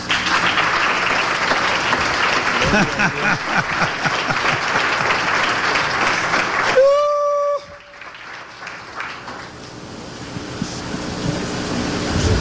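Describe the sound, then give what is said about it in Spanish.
A large audience claps loudly and steadily for Jesus for several seconds; a brief whistle-like tone cuts through, then the applause drops to a softer, thinner patter that continues to the end. “¿Le damos un aplauso a Jesús?”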